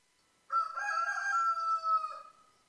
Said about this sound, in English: It was just the rooster.